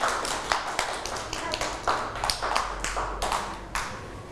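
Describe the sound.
A group of children claps their hands in a scattered, overlapping burst, the sharp claps close and fairly loud for several seconds, with faint voices murmuring underneath.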